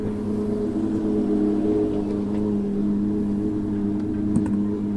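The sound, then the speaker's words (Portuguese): A Porsche 991 Cup race car engine runs at a steady pitch during a rally special stage, a loud, low droning hum that holds constant for several seconds with no voices over it. “Porsche 991 Cup. O barulho já se ouve, as luzes já se fazem sentir.”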